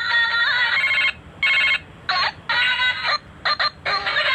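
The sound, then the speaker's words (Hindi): A phone, bought from a balloon seller, rings with a strange ringtone in repeated bright, warbling bursts with short gaps between them, loud, with no voices over it. “अरे बेल, वही तो मैं कह रहा हूँ, ये सुनिए जरा, बेल बज रही है, वो अजीब सी बेल है, मैंने तो किसी का पर्सनलाइज किया नहीं है आज तक।”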